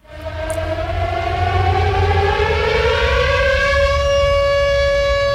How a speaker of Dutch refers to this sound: U hoort een sirene. Dat is geen toeval. Vandaag immers neemt het kabinet Lubbers het besluit om in Nederland 48 kruisraketten te plaatsen.